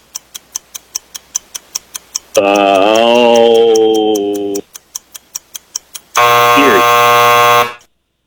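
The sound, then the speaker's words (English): A clock ticks steadily during a trivia quiz, then a loud, harsh game show time-up buzzer blares for about two seconds; the ticking resumes briefly before a second, brighter buzzer sounds and cuts off. “Sounded like you said Erie right before the buzzer went off.”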